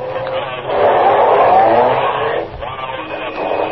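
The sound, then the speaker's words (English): A car engine revs up and accelerates as it takes off from a traffic light behind a new Cadillac, a loud roar that swells and climbs in pitch before easing off slightly near the end. “When the light changes, take off behind them.”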